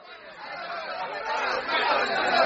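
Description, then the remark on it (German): A dense crowd of voices clamors together at night, a continuous agitated roar of shouting and chatter that swells louder toward the end, with no single speaker standing out. “Da stand er nun in der dunklen Nacht inmitten der schreienden Menge unter diesen Mördern und Bösewichten und sprach ganz ruhig und besonnen auf sie ein.”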